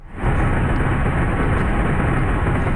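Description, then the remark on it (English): A loud, steady roar of a military plane's engines flying low overhead as it drops fire retardant over a wildfire at Lacanau Forest in southwestern France, a dense rumbling wash of noise that swells in quickly and holds constant, with no voices. “Meanwhile, in southwestern France, a military plane drops fire retardant over a wildfire at Lacanau Forest.”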